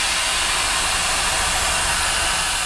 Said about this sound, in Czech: Teď jsme odbrzdili lokomotivu a pomalu jsme přidali do výkonu, aby jsme najeli tady na tuhle tu hezkou točnu. Teď jsme v lokomotivě, který se přezdívá Brejlovec.